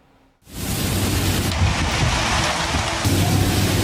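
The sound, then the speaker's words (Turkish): Heavy rain in eastern Japan begins abruptly after a moment of near silence, then pours as a steady, dense, loud hiss that holds without letting up. No voices are heard. “Japonya'nın doğusunda etkili olan aşırı yağışlar hayatı felç etti.”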